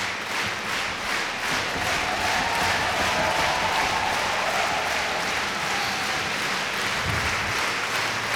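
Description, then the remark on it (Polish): Sustained, dense standing ovation from a large concert audience for the Polish Radio National Symphony Orchestra and conductor Marin Alsop after a Mahler work, a steady wash of many hands clapping at constant loudness throughout, with faint crowd murmur underneath and no distinct voices. “Publiczność oklaskuje artystów na stojąco.”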